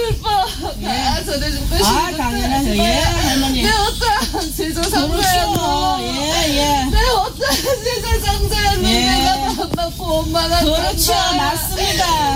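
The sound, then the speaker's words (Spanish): Several voices wail and sob together in wavering, rising and falling cries, a loud and continuous ritual weeping from a Gut ritual that could almost pass for laughter, with a busy, crowded background. “¿Pues está riendo esto o está llorando? Está llorando.”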